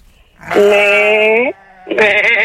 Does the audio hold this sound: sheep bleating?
yes